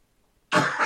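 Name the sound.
coughing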